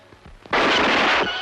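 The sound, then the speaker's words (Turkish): A single loud pistol shot bursts in suddenly after a few soft low thumps, its harsh, noisy blast holding for well under a second before cutting off. “Beni vurdun ulan deli!”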